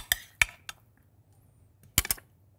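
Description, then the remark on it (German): A few sharp clunks and knocks as chunks of pumpkin and onion are dropped into a blender jar, three spaced hits followed by a pause and a quick double clatter. “Wir haben einen Mixer. Da packen wir jetzt unsere Zutaten rein.”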